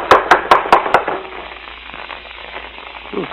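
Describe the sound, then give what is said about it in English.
Five quick, evenly spaced raps on the wooden door of a house, knocked from the porch, loud and sharp, followed by a low hum of background noise and a faint murmur near the end. “It'll knock the door off its hinges.”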